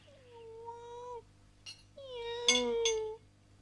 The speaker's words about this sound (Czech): Kočka je hladová, protože jí nikdo nic nedá, kromě mne. Mňau, no pojď, pojď, Radvičko, pojď.